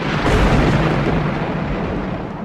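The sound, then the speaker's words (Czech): A loud, deep rumble of thunder from a clear sky rolls on steadily for a couple of seconds, heavy in the low end, with no break and no voices. “V té chvíli z čistého nebe zařmělo a nad nimi stál pán a vládce hor, Krakonoš.”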